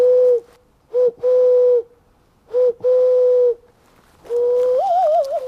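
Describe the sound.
In a dense forest, a man imitates wood pigeon and owl calls with hollow, hooting notes: two short-then-long pairs, then a longer wavering hoot, clear with no talking.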